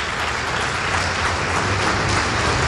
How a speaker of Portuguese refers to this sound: Fique de pé no seu lugar. Vamos aplaudir ao nome do Senhor.